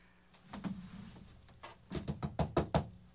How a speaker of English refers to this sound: I'm knocking on the door.